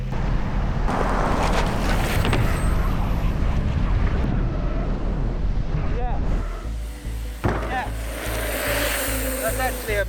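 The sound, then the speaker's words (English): A loud engine roars as a vehicle speeds up amid heavy wind rush to jump through a lorry trailer, with a sudden shift in the noise partway through before the engine drones on steadily. “I'm going to jump through a lorry trailer for the first time in my life.”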